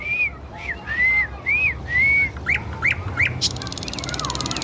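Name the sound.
nightingale singing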